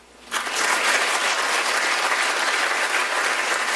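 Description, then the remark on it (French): An audience breaks into applause after a brief quiet moment, answering a comedian's question on whether they like spicy food: a dense, steady wash of many hands clapping at fairly loud level that holds evenly for several seconds with no voices. “Par applaudissement, y a-tu des gens qui aiment ça, la bouffe épicée?”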